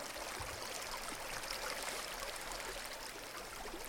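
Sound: flowing river water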